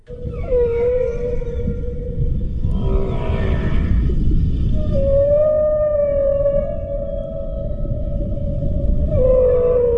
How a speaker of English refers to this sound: Right, that there is the sound of a southern right whale. A southern right whale.